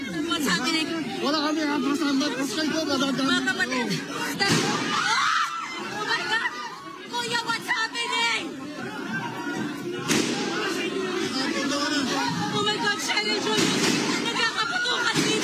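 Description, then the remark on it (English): A loud, agitated crowd of lawmakers and journalists shouts and screams inside the Philippine Senate building, echoing, broken by a couple of sharp, loud gunshots several seconds apart. “There were incredible scenes in the Philippine Senate earlier, which, as we go through, has been on lockdown after gunshots were heard inside the building.”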